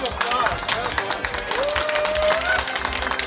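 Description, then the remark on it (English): A crowd breaks into steady, loud applause, many hands clapping rapidly and densely for a few seconds, mixed with cheering voices and a brief rising whistle-like tone. “Hey, round of applause. Well done.”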